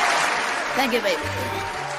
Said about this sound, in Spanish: Hay un ganador, señores, hay un ganador esta noche. ¡Aplausos, por favor, carajo!